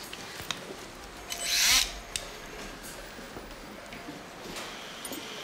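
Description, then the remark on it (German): A surgical saw cuts bone during surgery to remove the shattered bone zone, in one short, harsh, high-pitched rasping burst lasting about half a second, with faint clicks and scraping before and after and no talking. “Entfernung der Trümmerzone. Säge. Spülung.”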